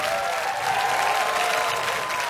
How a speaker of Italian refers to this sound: E sull'applauso del pubblico lasciamo il palco dell'Arena Santa Giuliana.